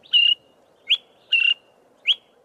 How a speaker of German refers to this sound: Im Osten und im Süden Afrikas kennen viele diesen Ruf und wissen, was er bedeutet. Zum Teil schon seit Generationen. Der kleine, graubraune Vogel fliegt ein Stück voraus, setzt sich auf einen Ast, ruft dann wieder.